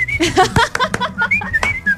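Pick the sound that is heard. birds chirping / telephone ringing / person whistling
person whistling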